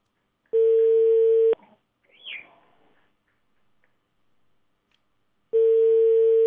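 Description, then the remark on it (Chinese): A telephone ringback tone sounds twice, each a steady one-second electronic beep separated by about four seconds of near silence, as a call is placed to the Youxian Transport Bureau during a live Hunan Traffic Channel program, with a faint brief chirp in the gap. “好，那我们直接打交通运输局的电话来，记者，优线交通运输局。”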